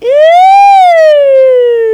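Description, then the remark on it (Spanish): A loud siren wail that rises in pitch, holds, then slowly falls over about two seconds, like an ambulance siren sound effect, with no talking. “Ay, parecía ambulancia.”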